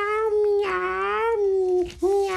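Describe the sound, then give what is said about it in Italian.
A person mimics a cat with a long, wavering meow, briefly breaks off, then starts another drawn-out meow, voicing Lallo, a little horse character on a children's radio show. “Lallo, come mai miagoli?”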